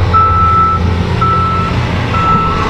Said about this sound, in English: Construction, traffic, and people going about their afternoon became louder than the prayer itself.